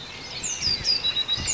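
A tit sings outdoors in the yard, picked up by a forest microphone: a quick series of thin, high whistled notes repeating over soft background ambience, fairly faint.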